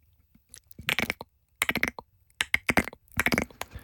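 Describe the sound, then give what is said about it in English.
A person mimics a cricket with their mouth, making rhythmic bursts of dry, rapid clicking chirps, five or so pulses in a row with short pauses between, with no talking. “I can make a cricket sound.”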